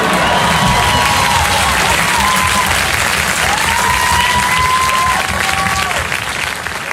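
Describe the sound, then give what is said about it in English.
A comedy show audience claps loudly and steadily while several voices shout out, screaming for music, with a few long, drawn-out yells rising above the dense applause throughout. “What are you guys shouting now?”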